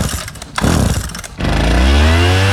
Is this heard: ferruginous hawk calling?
no